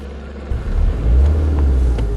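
Police patrol cars drive off over grass, leaving tracks, as a police raid ends at a camp in Koroška; a deep engine rumble that swells after a brief quieter moment and holds steady, with faint higher whines over the low drone and no talking.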